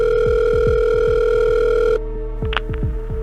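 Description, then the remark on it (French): A telephone ringback tone of a call to the fire brigade of Neuilly-les-Oxy, near Abbeville, on Valentine's Day morning 2018, hums steadily for about two seconds, then cuts off, over a repeating low, pulsing backdrop with brief higher chirps near the end. “Le matin de la Saint-Valentin 2018, les parents de Jennifer Deforge appellent les pompiers de Neuilly-les-Oxy, près d'Abbeville.”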